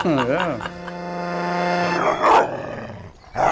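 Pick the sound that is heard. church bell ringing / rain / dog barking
dog barking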